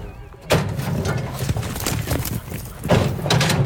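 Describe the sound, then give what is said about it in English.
At a rodeo team roping contest, two riders' horses burst into a gallop out of a chute chasing a cow, their hooves drumming in a rapid, uneven rhythm amid a clattering rush of noise that starts abruptly and stays loud. “Team roping is where a cow comes flying out of a chute, chased by two people on horses, and one of them tries to rope the horns, and the other gets the back end of the cow.”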